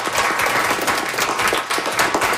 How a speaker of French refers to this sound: Alors, moi, j'aimerais que le groupe ici, on applaudisse très fort les deux très bonnes questions